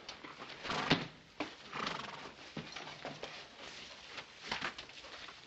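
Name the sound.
horse whinnying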